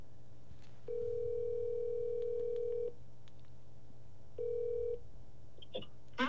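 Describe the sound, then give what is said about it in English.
A phone line rings out with a steady electronic tone, one long ring of about two seconds, then a pause and a shorter second ring, followed by faint clicks over a low background hum, as a call is placed to a friend. “But I have somebody we could call. Let's call.”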